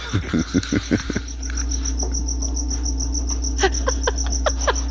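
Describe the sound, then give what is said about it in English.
A single cricket chirps inside a house, steadily in a continuous high-pitched pulsing trill that runs the whole time, with a few irregular lower bursts near the start and no talking. “I got like a cricket in my house now.”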